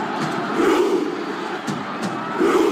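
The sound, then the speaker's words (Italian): A huge stadium crowd of Norwegian football fans at the World Cup roars through a Viking war chant, a dense, steady wall of voices broken by a couple of sharp, unison claps or shouts. “Insomma, numeri da record, così come da record il numero delle interazioni sui social media di video relativi ai mondiali di calcio, con in testa la classifica la Viking Row dei tifosi norvegesi con oltre 174 milioni di visualizzazioni.”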